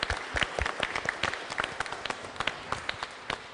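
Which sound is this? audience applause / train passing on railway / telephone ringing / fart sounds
audience applause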